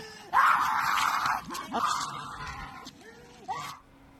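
A dog cries out in two long, strained whimpering yelps, followed by a shorter whine, loud and distressed with brief pauses between them, as the dog, of a banned breed, is taken from its owner after a complaint.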